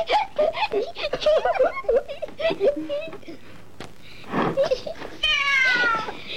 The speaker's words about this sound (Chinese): 突然一只小花猫从里面窜了出来，孩子们开始抓猫，课堂秩序乱作一团。